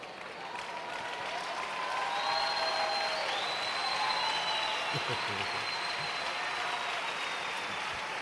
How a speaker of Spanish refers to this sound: Gracias, gracias. El aplauso es para Él, porque tú estás aceptando el desafío, estás entendiendo.